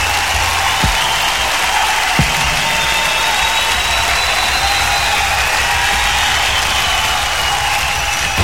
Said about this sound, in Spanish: Los sonidos se detienen y el último aplauso inunda el ambiente. Esto fue Arena Ritoque, una hora de música en vivo por Ritoque FM.